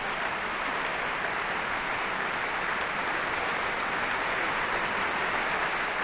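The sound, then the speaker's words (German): Sustained applause from a concert audience in the music hall of the Stadtcasino Basel, many standing, for the symphony orchestra, choir and mezzo-soprano: a dense, even wash of many hands clapping at steady loudness throughout, with no voices standing out. “Applaus auch für die Mezzosopranistin”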